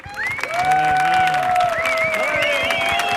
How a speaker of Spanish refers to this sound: Fuerte el aplauso para